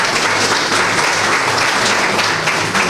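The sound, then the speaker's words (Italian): An audience claps steadily and loudly for a lady for the whole stretch, a dense, even wash of many hands with no pauses and no voices standing out. “Un applauso merita anche la signora.”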